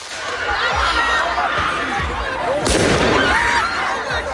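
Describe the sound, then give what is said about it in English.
Fireworks bang amid a noisy street crowd at a protest in a suburb of Paris, France, with dull thuds popping every half second or so and one sharp, loud crack near the middle, all under constant shouting and chatter. “Just hear what seems to be fireworks going off there.”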